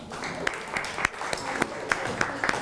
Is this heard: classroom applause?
yes